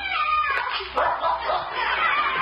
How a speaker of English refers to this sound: Behind the garage. I do declare he's on the trail already. That dog is real smart. Uh-oh. He's found something behind there.